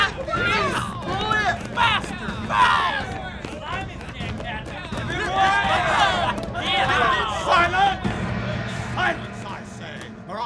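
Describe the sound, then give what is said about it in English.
A crowd of male prisoners on a ship's deck cheers and shouts excitedly while watching a lone prisoner row a ship's boat, many voices overlapping in a loud, continuous uproar, with no single voice standing out. “Up on the deck, some of the other prisoners were celebrating as they watched a lone prisoner in a ship's boat rowing furiously”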